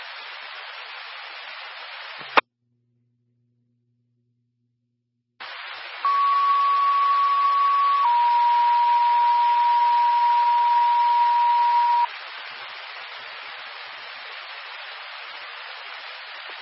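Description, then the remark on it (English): A first responder dispatch test alert plays over hissing radio static: a steady high tone for about two seconds, then a slightly lower tone holding for four, loud and continuous after a brief dropout. “First responder, test zone, please disregard.”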